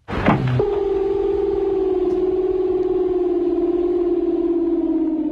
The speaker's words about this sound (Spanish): Solo comentar antes de la tercera consulta que el gong que escuchan fue manufacturado en el periodo intermedio de la dinastía Khan.